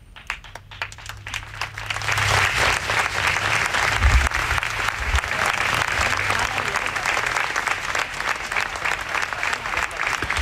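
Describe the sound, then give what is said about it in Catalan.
Sustained applause from a crowd after a minute of silence, a dense steady patter of many hands clapping that swells in the first couple of seconds and then holds loud and even throughout. “Són els aplaudiments.”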